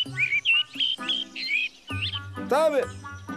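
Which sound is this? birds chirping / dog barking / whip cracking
birds chirping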